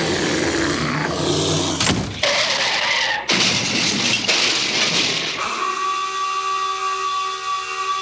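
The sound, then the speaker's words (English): Rough, hissing bursts of noise give way to a foghorn's long, steady blast, a sustained rich horn tone that holds loudly for the final couple of seconds with no voices. “Did you like the foghorn at the end?”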